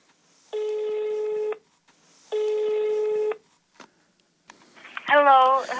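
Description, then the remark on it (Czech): A landline phone call to a home near Oxford, Great Britain, rings out with two long, steady ringback tones, followed by a couple of clicks as the line picks up and a voice answers. “V mailu píše, ať zkusíme pevnou linku, poněvadž bydlí, cituji, v malé výsce u Oxfordu a máme tu nulový mobilový signál.”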